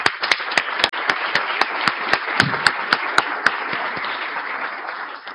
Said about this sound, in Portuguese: Convidamos agora o conselheiro do Tribunal de Contas do município de São Paulo, doutor Eduardo Tuma. Salve de palmas para o Eduardo Tuma.